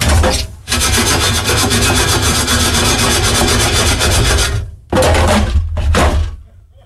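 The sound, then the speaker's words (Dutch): Fries rattle and rustle as an air fryer basket is shaken: a short burst, then a loud, steady scraping shake lasting about four seconds, followed by two quick shakes, with no voices. “Heb je al eens opgeschud eigenlijk? Ah, nee, dat kan ik wel eens doen, ja.”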